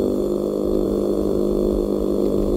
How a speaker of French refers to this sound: Le maigre, dans le golfe de Gascogne, produit, lui, un grondement si puissant qu'on dirait un moteur de bateau.